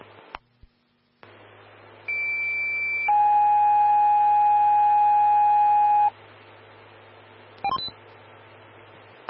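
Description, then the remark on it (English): Fire dispatch alert tones over a hissing radio channel, four tones for a breathing-problems call dispatching Evergreen Fire Station 2, Medic 122 and Engine 131: a short high steady tone, then a louder, lower dual tone held for about three seconds, followed by static and a brief crackle. “four tones on breathing problems.”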